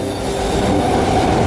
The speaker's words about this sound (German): Jeden Tag in diesem überfüllten Zug zur Arbeit fahren, Tag ein, Tag aus.